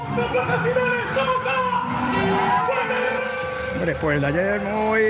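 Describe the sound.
A large outdoor crowd of football supporters in the Spanish capital greeting the team as it parades on an open-top double-decker bus after the World Cup final against Argentina; they roar and shout continuously, with overlapping voices, whoops and chanting-like cries, a loud, dense wall of cheering with rising yells near the end.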